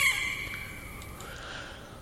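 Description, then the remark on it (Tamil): A parrot call rings out at the start of a song, a bright, shrill squawk that settles into steady, whistling tones over a faint low background, with no talking. “ஒரு கிளியின் ஓசையுடன் அந்த பாடல் ஆரம்பமாகும்.”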